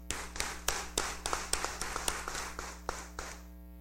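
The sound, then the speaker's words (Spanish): An audience at a Mass gives congratulatory applause to married couples, many hands clapping in a dense, uneven patter with sharper claps standing out, steady for a few seconds before tapering off, over a low steady hum. “Un aplauso de felicitación para todos ellos.”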